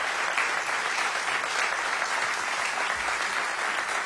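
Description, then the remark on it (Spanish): Sustained applause from an audience, a dense, steady wash of many hands clapping at an even loudness throughout, with no voices standing out above it. “Aplauso para Maxi, para Pablo.”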